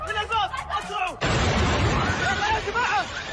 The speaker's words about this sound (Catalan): Hi ha hagut aquesta fortíssima explosió que ha afectat el vestíbul de l'aeroport.